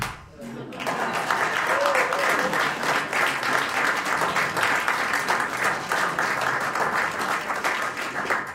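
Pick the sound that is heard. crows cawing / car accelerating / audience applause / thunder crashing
audience applause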